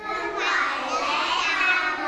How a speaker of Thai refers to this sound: โอ้โหเสียงดังฟังชัดเลยค่ะแสดงว่าเด็กๆหลายคนนะคะรอทำกิจกรรมนี้กันอยู่ใช่ไหมคะ